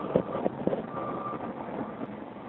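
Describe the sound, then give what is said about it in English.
Steady roar of road traffic at a big interchange on Borden Avenue near the Pulaski, with vehicles waiting to get into the tunnel on a hot day; engines drone together, with a few brief knocks early on; no one speaks. “There's a bunch of traffic for people waiting to get into the tunnel.”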